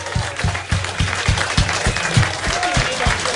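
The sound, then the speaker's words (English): An audience at the Flying Nun Pub Quiz applauds the winning team, the Sally Army, a dense wash of many hands clapping with a faint rhythmic low thump running underneath, loud and sustained throughout. “Huge round of applause.”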